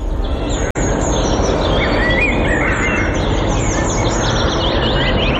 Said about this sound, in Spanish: Lo que están escuchando de fondo ahora mismo... es el ambiente de un parque en pleno invierno. Pájaros cantando, aire puro, tranquilidad y calma.